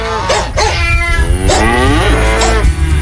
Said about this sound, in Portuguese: E a vaca mugiu.